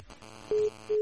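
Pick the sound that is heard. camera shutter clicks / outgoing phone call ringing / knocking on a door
outgoing phone call ringing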